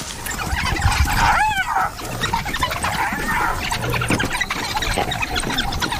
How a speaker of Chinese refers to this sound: 他们离我们也太近了，不可思议。非洲野犬还在威吓斑鬣狗，斑鬣狗在车下面，它躲到车下了。